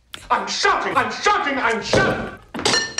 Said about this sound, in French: de chandeliers mal placés, on vient de l'entendre. Oui, et qui tombent sur des crânes